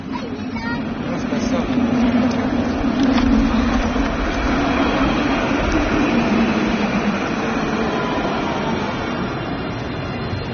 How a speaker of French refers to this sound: On s'est donné rendez-vous à Épinay-sur-Seine, sur la ligne du tramway, à un carrefour très emprunté, près de l'arrêt Rose-Bertin.